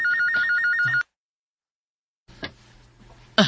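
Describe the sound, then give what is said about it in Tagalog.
A telephone rings with a fast warbling electronic trill for about a second, then abruptly stops; after a pause, clicks and clattering handling noises follow. “Mihunong na sa pagbagting ang telepono.”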